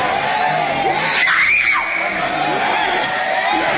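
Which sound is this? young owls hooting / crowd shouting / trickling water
crowd shouting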